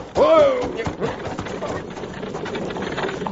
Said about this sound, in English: If I know anything about horses, that team's running away.